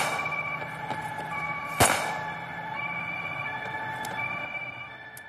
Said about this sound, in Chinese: 这时警车赶来，铁血暗杀团的人便撤了。